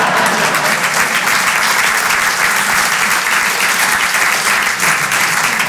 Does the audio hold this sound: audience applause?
yes